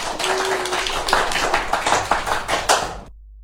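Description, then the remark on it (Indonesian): A crowd claps enthusiastically, a dense and steady patter of many hands that stays loud for about three seconds and then cuts off abruptly. No voices can be heard. “Tepuk tangan yang meriah dong teman-teman sekali lagi.”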